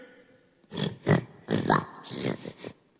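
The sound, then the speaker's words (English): A voice imitates oxen lowing with a quick run of four or five throaty, grunting moos, fairly loud, with a short silence on each side. “Those are oxen.”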